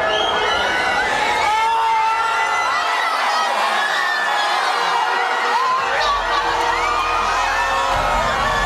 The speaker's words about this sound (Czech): Když přišel první a jediný gól a pak konec zápasu, propukli davy v madridských ulicích v totální euforii.